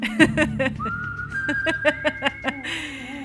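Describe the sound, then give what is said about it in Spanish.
A clear whistled melody carries the theme of the film The Good, the Bad and the Ugly, a long sustained note sliding into steady tones over rhythmic plucked and percussive backing music. “A silbar.”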